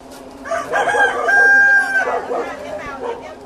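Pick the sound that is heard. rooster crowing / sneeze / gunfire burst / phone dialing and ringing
rooster crowing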